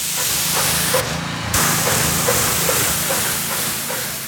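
A steady spray hiss from a special sprayer applying thick white paint onto asphalt for crossing stripes, over a low mechanical drone, with a short break in the hiss partway through before it resumes.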